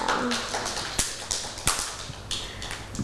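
Children clap in a loose, uneven scatter of sharp smacks, with a few louder claps standing out over a steady hiss and soft background voices.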